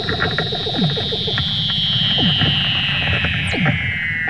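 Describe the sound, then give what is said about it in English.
Eerie underwater Weddell seal calls from a mother Weddell seal teaching her pup to swim, from video released by the Woods Hole Oceanographic Institution: a long, high, slowly falling whistle runs throughout, with repeated downward-sweeping chirps and rapid pulsing trills beneath, steady and fairly loud, no voices. “The video includes otherworldly sound of their underwater calls.”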